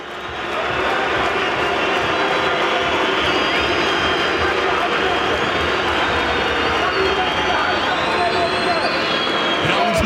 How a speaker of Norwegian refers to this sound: Og hør på publikum!